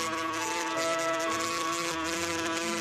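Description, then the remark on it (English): Bees buzz in a steady, continuous drone, fairly loud, with a slight wavering in pitch throughout and no voices. “According to the tradition, when Rita was a baby, bees would fly down onto her lips and leave honey on them.”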